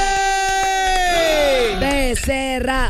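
A loud burst of cheering for a tattoo artist guest on a Monterrey radio show, with a long whooping voice sliding down in pitch over a crowd roar, and a few scattered claps underneath.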